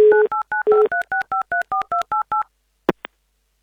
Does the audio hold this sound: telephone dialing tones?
yes